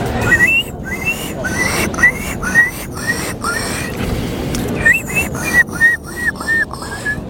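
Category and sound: vocal imitation, human imitating gull call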